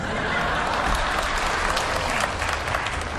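A crowd applauds steadily for about three seconds, a dense, even wash of many hands clapping at a constant loud level, with no voices standing out.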